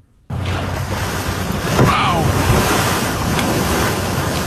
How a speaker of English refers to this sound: This is audio of a North Vancouver man who recently captured a orca breaching. And you are correct. It doesn't sound very graceful.